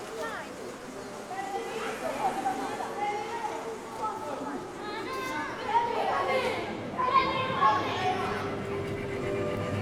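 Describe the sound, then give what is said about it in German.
Children or teenagers run past, shouting very loudly and chattering over a steady crowd murmur, with several high, excited calls rising above the din and brief clatter of running footsteps mixed in. “wenn so Kinder oder Jugendliche vorbeirennen oder so und dann so ganz laut schreien.”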